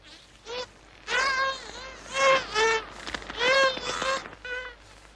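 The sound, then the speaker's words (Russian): Dolphin calls recorded on tape, in a string of bursts: squeaky, buzzing whistles that bend up and down in pitch, with clicky pulses between them. No talk. “Интересно, а интервью новогоднего с дельфинами нет на этой пленке?”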